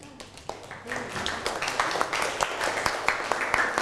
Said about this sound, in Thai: นั่งลงปรบมือให้กับเพื่อน